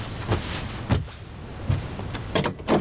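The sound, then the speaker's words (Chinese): A door being opened: a handful of short mechanical clicks and rattles spread across a few seconds, with a quiet background and no voices. “快听 门开开， 听妈话给开开门，来，快快门， 来来来，下来来，快。”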